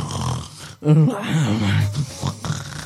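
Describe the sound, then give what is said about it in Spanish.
A person loudly imitates snoring with a drawn-out, rattling, growly vocal sound, followed by a couple of shorter snorts, with no other talking. “Claro que yo no ronco.”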